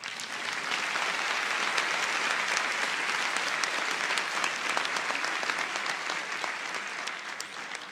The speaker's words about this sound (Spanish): Dele un aplauso a Dios.